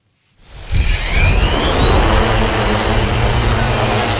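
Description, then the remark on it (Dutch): A drone's motors whir into a loud, steady buzz after a quiet start, with a thin high-pitched whine sliding upward over the droning noise, continuous. The drone is being tested, flying above the Forellentocht in Lelystad to search for traces of beavers and their burrows. “Deze drone is een vliegende speurneus.”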